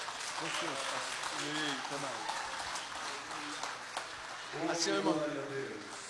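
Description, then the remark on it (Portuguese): An audience at a morning church service applauds steadily for several seconds to welcome a preacher, a dense, even crackle of many hands, while voices call out and talk loudly over the clapping, swelling near the end. “Se coloca em pé, vamos receber o servo de Deus com um aplauso bem forte para o Senhor, bem alegre.”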